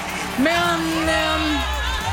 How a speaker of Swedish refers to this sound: Men mest jubel verkar det vara just nu för Israels … som lämnar scenen.